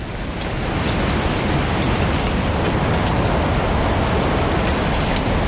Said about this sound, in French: Le bruissement du vent fait tomber les feuilles.